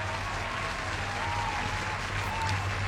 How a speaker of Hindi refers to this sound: सबसे पहले आप सबके लिए तालियां हो जाएं.